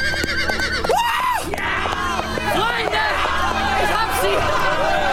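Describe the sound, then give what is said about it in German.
Horses neigh and whinny again and again, loud, over a dense bed of galloping hooves and the murmur of a crowd, as a rider spurs his horse down a slope. “Ich sah Jonathan sein Pferd anspornen. Wie ein Pfeil flog er den Hang hinab.”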